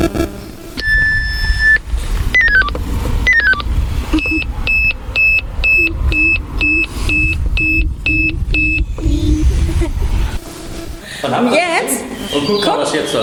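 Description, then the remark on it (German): A phone alarm sounds a rapid series of short, bright electronic beeps in a steady pulsing rhythm, preceded by a few descending tones, over low background rumble and faint voices. “Dann hört ihr das mal, wie sich das anhört.”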